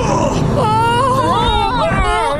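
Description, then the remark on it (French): The elephant Tantor, having hauled itself up a ship's anchor chain onto the deck, calls out: a loud, high, wavering trumpeting cry that swells and bends in pitch for nearly two seconds after a brief rough onset. “Si je ne me trompe, c'est un éléphant.”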